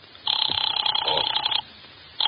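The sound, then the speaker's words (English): A telephone rings through the earpiece as someone calls their boss: a steady buzzing tone lasting over a second, then a brief pause before the next ring begins; it sounds thin and filtered, as heard on a call. “Who are you calling? My boss.”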